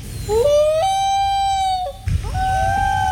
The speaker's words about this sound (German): Oh, die Antworten auch alle. Das war der Eistaucher. Toller Vogel, was für ein Sound.